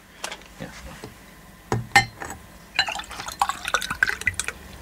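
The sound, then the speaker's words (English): Scotch sloshes and splashes unevenly into a glass, with more spilled than poured in. Scattered drips and faint glassy clinks accompany an uneven pour lasting a few seconds. “You spilt more than you put in the glass.”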